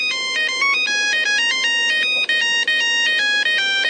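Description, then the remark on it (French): A loud, bright polyphonic ringtone from an old mobile phone plays a quick, bouncy electronic melody in stepped notes, repeating its phrase steadily for several seconds with no voices present. “il n'y a plus de sonnerie polyphonique et que personne ne joue plus à Snake pendant la réunion”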